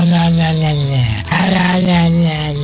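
A loud, sustained dog-like growl with a brief break midway, sounding like a human voice imitating a dog rather than distinct separate barks, steady throughout; the bark of Porco Cane, the talking dog.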